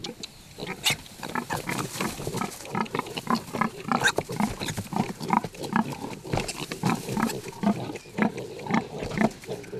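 A sow grunts in low, steady bursts while her piglets add rapid, higher-pitched squeals and snuffles throughout, a continuous busy chorus of pig noises with no talking, in a thickly insulated farrowing hut with a PVC curtain on an organic pig farm.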